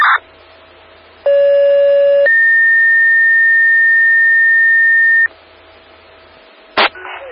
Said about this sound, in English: Again, South Haven toning out a still alarm. Blistar and Phoenix for a two-car PI accident to blocking traffic.